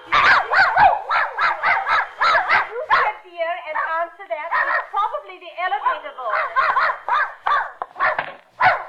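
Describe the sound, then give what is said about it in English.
Mrs. Pondicker's dog, Rintin, barks in quick, loud, repeated bursts, with yips and whiny, whimpering sounds in between, continuing almost without pause throughout. “I came for Mrs. Pondicker's dog to take him for a walk.”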